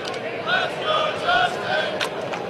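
Bison football fans in a stadium chant after a touchdown in a steady rhythm, with repeated sung syllables rising above a dense, roaring wash of fan noise that stays loud throughout.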